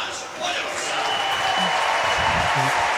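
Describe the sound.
A large stadium crowd applauds steadily for the full few seconds as athlete Liz Balázs is introduced at the Gyula István Memorial Hungarian athletics Grand Prix, a dense wash of clapping with faint voices mixed into the noise.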